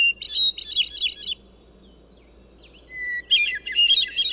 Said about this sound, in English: Another mile along, and among silvery green fir trees, the crystalline phrases of a hermit thrush carry through the forest.